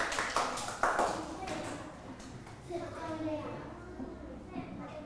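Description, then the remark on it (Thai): A short burst of scattered clapping from a group of children in a classroom, applauding the second student group during a fractions lesson, loud at first and fading within a couple of seconds, followed by kids chattering. “ทุกคนปรบมือให้กลุ่มที่2หน่อยค่ะ”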